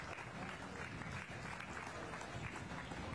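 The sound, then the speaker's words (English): Steady applause from a crowd at a livestock show, given for a class of show calves before the overall champion is chosen; a dense, continuous patter of many hands clapping at even loudness for a few seconds, with faint murmuring voices mixed underneath. “Let's give all these a round of applause and we'll bring these four back for the overall champion.”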